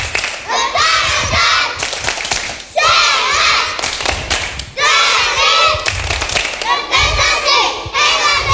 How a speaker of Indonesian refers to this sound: Nah, sekarang mari kita tunjukkan semangat sekolah kita melalui tepuk anak TK Negeri Percontohan. Ayo semua anak-anak ibu undang berdiri. Tepuk anak TK Negeri Percontohan.